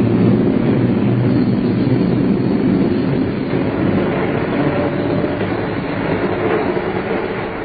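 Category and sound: vehicle, train running on rails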